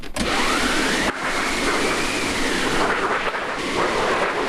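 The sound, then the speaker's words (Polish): A theatre wind machine on a stage, restored from an older machine made for a previous production of Balladyna, is cranked, producing a loud, continuous whooshing roar whose pitch swells and falls in slow waves, with one brief dip early on. No voices are heard. “To, co tutaj widzimy, jest to maszyna do wiatrów i grzmotownik tak zwany.”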